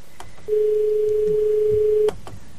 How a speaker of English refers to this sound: The phone's ringing furiously, but it's not coming through. Oh, there we go.